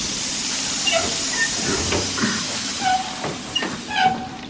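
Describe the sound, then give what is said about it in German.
A steam train hisses steadily throughout, with scattered metallic squeals and clanks. No one speaks. “Mit diesem Zug sollte das Gold nach Berlin gebracht werden.”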